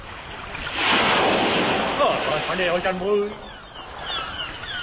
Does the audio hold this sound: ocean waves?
yes